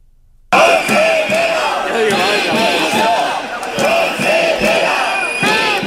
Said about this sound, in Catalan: Els sindicats docents de l'educació pública en vaga indefinida des de dilluns s'han concentrat al migdia davant les portes de la Generalitat a València. Han reclamat la dimissió de la consellera d'Educació, Carmen Ortí.